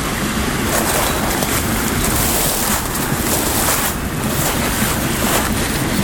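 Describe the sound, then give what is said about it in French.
A steady, dense roar of rushing water and gusting wind blends into one continuous wash of noise, loud, with no voices. “Et la clameur de l'eau et du vent se mélange, se marie.”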